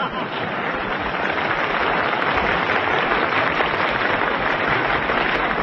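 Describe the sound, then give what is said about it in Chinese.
A crowd applauds steadily, many hands clapping into a dense, even roar that holds at full strength for several seconds with no voices over it. “我看谁敢再鼓掌？”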